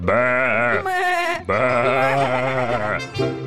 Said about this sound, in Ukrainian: Вівці затопотіли, забекали.